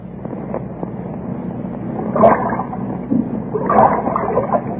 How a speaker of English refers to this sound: That wind, where did it come from?